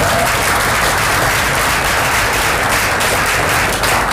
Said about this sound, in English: because he today won the Spirit of the Mother Jones Award, so I think we just give a round of applause.